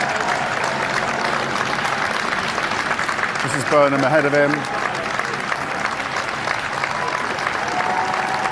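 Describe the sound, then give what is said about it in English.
A crowd cheers and claps continuously as a car door opens for a politician arriving to give a speech, a dense wash of applause with a brief swell of shouting partway through, while a man speaks over the noise. “We could see the car door opening and a big cheer going up.”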